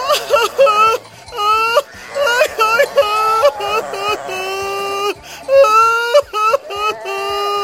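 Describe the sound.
A voice acting out a fox's exaggerated crying, with repeated wailing, whimpering sobs in a rising and falling rhythm, loud, lasting throughout with brief gasping breaks.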